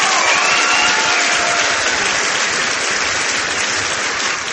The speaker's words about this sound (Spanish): Fortísimo aplauso, por favor.